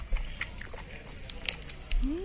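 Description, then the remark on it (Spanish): A puppy laps up milk, making a quick, irregular run of soft wet slurps and clicks, with a brief rising squeak near the end. “El perrito de Inmer se llama Rocky y está tomándose la lechita ahorita”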